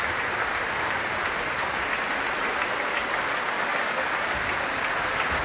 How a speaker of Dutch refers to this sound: En ondertussen gaat het door met applaus nemen. En het wordt gedaan door de verschillende groepen binnen Le Concert Spirituel.